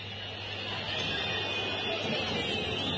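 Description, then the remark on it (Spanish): A large crowd of Independiente football fans whistles in disapproval at the end of their team's match against Platense in Avellaneda on a cold night, a shrill, sustained high-pitched chorus layered over a dense roar, holding steady and loud for about three seconds without any talking. “Se terminó el partido con un frío que silba en la noche, porque la calentura del hincha de Independiente se transforma en el frío de la noche, y el frío se transforma en silbido de reprobación para Independiente,”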